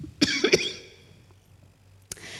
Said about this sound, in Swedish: Jag ska bara hosta lite först.